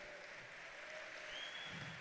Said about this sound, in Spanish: con este aplauso le estamos diciendo, creo a tu palabra, más fuerte. Con este aplauso le estamos diciendo, recibo esa palabra y la voy a vivir.